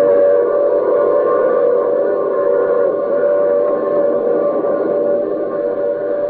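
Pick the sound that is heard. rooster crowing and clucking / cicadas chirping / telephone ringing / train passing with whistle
train passing with whistle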